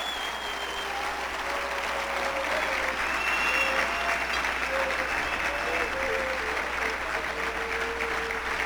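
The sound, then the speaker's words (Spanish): A church audience claps steadily and densely for several seconds in applause to the Lord during a morning service, a sustained wash of applause with faint voices and a few tonal hums drifting underneath. “Un aplauso al Señor de lo alto.”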